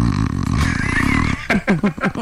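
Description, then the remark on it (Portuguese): A voice imitates a snore with one low, rattling, buzzy drone lasting over a second, followed by a few short, choppy bursts that sound like snickering laughter. “deve roncar, tem cara aqui. Um barulho mais ou menos assim, ó.”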